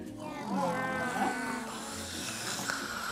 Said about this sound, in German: Jetzt hat sie vorhin da was vom Schnarchen erzählt und dass da Schnarcher im Studio sind. Sind die Schnarcher noch da?